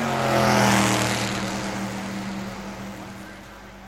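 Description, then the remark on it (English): Race car engines rumble loudly with a steady, droning growl that swells over the first second, then gradually eases off while still running, 20 seconds before the start of the 31st Formula race on the Hudson. “20 seconds to the start of the 31st Formula Race on Hudson.”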